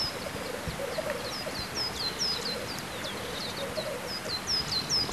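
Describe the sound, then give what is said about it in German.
A black grouse sitting on a treetop hundreds of meters away calls, its low bubbling coos rolling steadily beneath repeated high, sharp chirps from smaller birds in an open outdoor setting. “Hunderte Meter entfernt sitzt auf einer Baumkrone ein Spielhahn.”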